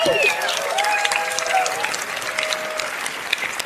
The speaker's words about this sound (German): Da gibt's einen Applaus, Applaus einfach schon mal.